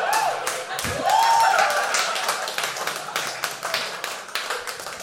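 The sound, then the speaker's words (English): An audience applause break after a joke: steady applause, a dense crackle of many hands clapping for about five seconds, with a few whoops and whistles rising over it early on before the clapping slowly thins. “That honestly might be the first applause break I've gotten for dry pussy, but I'll take it.”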